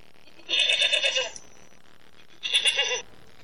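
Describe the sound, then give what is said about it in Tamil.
Two wavering sheep bleats, the first running about 0.8 seconds and the second slightly shorter after a pause, clear with no talking. “சாதாரண செம்மறி ஆட்டு இனத்துக்கு எவ்வளவு பெரிய விஷேடித்த இயல்பையும் பண்பையும் தேவன் வைத்து சிறப்பாக படைத்திருக்கிறார்.”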